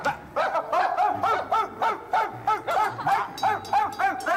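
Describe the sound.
A person imitates a dog barking, practicing barking to warn of burglars, giving a rapid string of about a dozen short, loud, yappy barks in a steady rhythm, with no talking.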